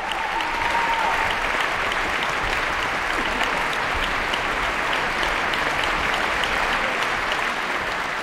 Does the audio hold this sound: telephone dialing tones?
no